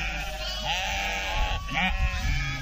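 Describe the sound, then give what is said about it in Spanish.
Sheep bleat repeatedly, two wavering cries close together over a steady background hum, fairly loud with a few overlapping calls. “Bueno, se me llenó de ovejas el estudio de la radio, ¿eh?”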